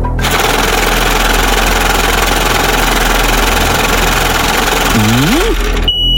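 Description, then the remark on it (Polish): A loud, steady mechanical whirring and rattling of a lottery drawing machine runs for several seconds as it draws three letters of a Polish car registration, with a brief wobbling whine near the end before it cuts off abruptly. “No, kierowniczko, odpalaj maszynę losującą.”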